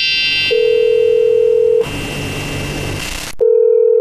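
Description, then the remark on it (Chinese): A telephone ringback tone while calling a manager: a steady, fairly loud beep lasts over a second, pauses for about a second and a half, then starts again. A hissy line noise sits underneath, and no one speaks. “你找一下那个宋经理的电话啊，打过去，我现在跟他沟通一下。”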